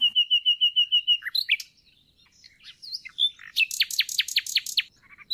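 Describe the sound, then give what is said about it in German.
A nightingale sings alone: a rapid series of repeated piping notes, a pause with scattered chirps, then a loud run of sharp descending whistles and brief twitters. “Die Nachtigallen können durchaus auch anders.”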